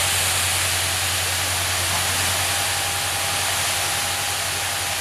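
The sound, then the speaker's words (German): A powerful, steady hiss of water blasting from a fire brigade hose nozzle onto suspected fire spots at a forest fire in Saarland, Germany, loud, with a low pump hum underneath and no pauses or voices. “Schon Minuten später sprüht das erste Strahlrohr auf die vermeintlichen Brandnester.”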